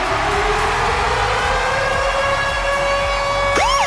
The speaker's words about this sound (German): Und zwar immer dann, wenn ihr unseren Virgin Radio Ticket-Alarm hört, dann steht da Achtung.